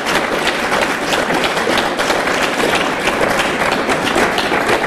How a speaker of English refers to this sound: Look. And they're clapping for it.